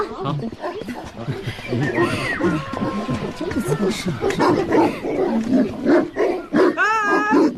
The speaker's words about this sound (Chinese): 啊！狗怎么就围攻我一个呀？让，这狗真是。 可以呗。 小黄、小黑，别胡闹啊！这可是新来的客人啊，乖。